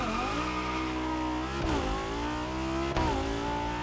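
A racing car engine from a video game revs loudly and continuously, its droning pitch climbing steadily and then dropping abruptly twice, like gear shifts, with no voices present.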